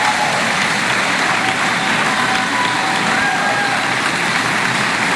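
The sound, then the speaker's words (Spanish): Very long, sustained audience applause for a Chinese choir's polyphonic performance, a dense, steady wash of many hands clapping at constant loudness throughout, with no voices standing out above it. “Larguísimo aplauso del público.”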